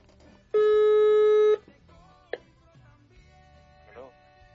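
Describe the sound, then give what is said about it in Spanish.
A phone line's ringback tone sounds once as a call is dialed, a loud, steady electronic buzz lasting about a second, then gives way to a sharp click and faint, muffled voices in the background. “A ver, va, vamos a marcarle.”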